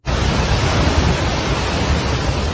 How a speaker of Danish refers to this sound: Her der hører vi lyden af de brune vandmasser, der skyllede bygninger og biler rundt.